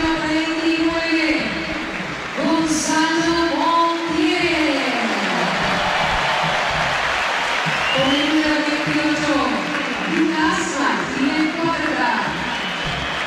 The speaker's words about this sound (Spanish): A ver, empezamos a escuchar, a ver. Aplausos para Beltrán.